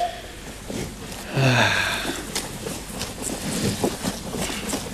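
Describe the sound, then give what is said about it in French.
A faint, steady wind hisses and rustles throughout, low and constant, with a brief breathy burst early on and no clear talking. “Bah, j'entends un petit truc, mais... C'est peut-être le vent.”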